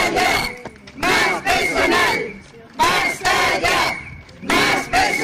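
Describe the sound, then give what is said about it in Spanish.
A crowd of protesting workers and union delegates of the Centro de Educación Especial Puerta de Santa María in Ciudad Real chants in front of the school's doors, demanding auxiliary posts be filled, loudly in rhythmic bursts, four or five shouted phrases separated by short pauses, voices blending into a dense, energetic roar. “Son trabajadores del Centro de Educación Especial Puerta de Santa María en Ciudad Real, delegados sindicales que se han concentrado también hoy frente a las puertas de este centro educativo para exigir la cobertura inmediata de las plazas de auxiliar”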